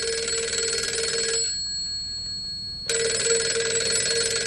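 A telephone rings in two loud, bright bursts separated by a short pause, the trilling bell tone clear with no voices.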